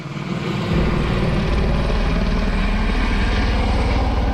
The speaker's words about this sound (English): That's helicopters dropping water on a wildfire near Oslo, Norway. This one's burning through a residential neighborhood.